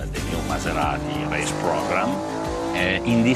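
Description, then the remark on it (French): A Maserati racing engine for the brand's motorsport programme drones steadily on a test stand right next door, a loud, sustained mechanical roar with a humming whine, while a man speaks over it throughout. “Mais juste à côté, on fait les tests d'un moteur de course pour le programme sportif de Maserati.”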